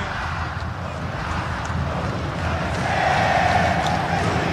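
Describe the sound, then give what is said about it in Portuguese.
A large stadium crowd of Atlético Mineiro (Galo) football fans roars and sings a club chant together in a dense, continuous wash of voices that swells louder toward the end, with a sustained chanted tone rising out of the noise. “Com toda a raça pra vencer, é Clube Atlético Mineiro, Galo forte vingador, tá cantando a torcida, tá vibrando, tá feliz, tá confiante.”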